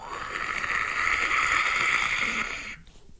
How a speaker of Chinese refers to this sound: 哥几个觉着挺乏累，听了听有流水的声音。